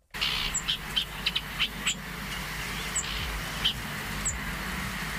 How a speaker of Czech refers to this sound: Tak tohle je prosím pěkně kukačka.